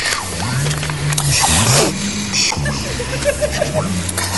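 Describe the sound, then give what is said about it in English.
Low, drawn-out whale calls with rising and falling moans and some higher chirps, overlapping one another in a continuous, echoing stream with no voices. “Hey, all this stuff about whales being intelligent... Bloody boring, aren't they?”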